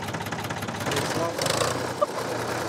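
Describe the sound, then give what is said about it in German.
A 1960s Ford Super Dexter 3000 tractor engine runs steadily, its loud, rough diesel chugging pulsing rapidly throughout, with a brief clank near the end. “Es ist ein Ford Super Dexter 3000 aus den 60er Jahren.”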